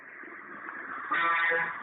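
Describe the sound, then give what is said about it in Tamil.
Busy bus-stand din at Pudukkottai bus stand, with engines and crowd noise and a loud, sustained vehicle horn blaring for about half a second near the end. “Bus ஸ்டாண்ட்ல தான் நான் இருக்கு, புதுக்கோட்டை பஸ் ஸ்டாண்ட்ல தான் இப்ப நான் இருக்கேன்.”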